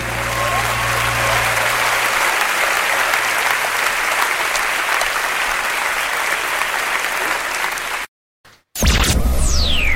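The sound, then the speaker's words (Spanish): A crowd claps loudly and steadily for about eight seconds, a dense wash of applause that cuts off abruptly, followed by a brief silence and then a bright musical swoosh. “Un aplauso”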